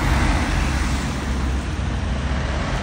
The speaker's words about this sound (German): So klingt das nämlich im wunderschönen Saarland in St. Ingbert an der Verkehrsinsel mit dem wunderschönen Namen Gourmetkreisel.